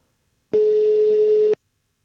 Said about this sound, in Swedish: Jag ringer Dennis ännu en gång.